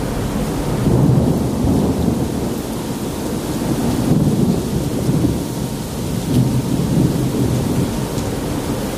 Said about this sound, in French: On est en train de passer Singapour. 5h du matin. C'est le goût d'un orage en mer.